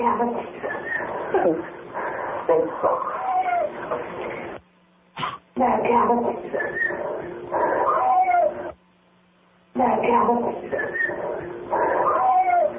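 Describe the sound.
A voice says "nap cat", then a whistle and a cat's meow rise out of a muffled, radio-like stream of voices, the sound cutting out briefly twice before resuming.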